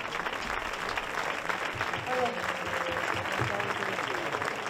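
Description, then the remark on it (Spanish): An audience claps steadily for several seconds, a dense, even wash of applause at constant loudness, with a few faint voices and a brief whistle-like tone mixed in. “Bueno, antes que nada, un fuerte aplauso para este pedazo de cuadro, que no se puede aguantar.”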